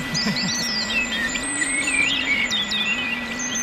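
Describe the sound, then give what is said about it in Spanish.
A common blackbird sings amid other twittering birdsong, a steady stream of varied whistles and chirps over a constant low hum, with no voices present. “Mirlo común.”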